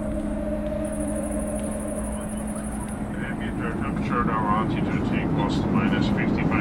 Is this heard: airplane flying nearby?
yes